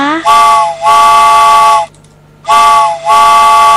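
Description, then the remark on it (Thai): A train's steam whistle sounds two long, loud blasts separated by a short pause as the train departs, each blast dipping briefly before holding its rich, steady chord. No one speaks. “คุณผู้ฟังรถไฟออกก่อนนะคะ”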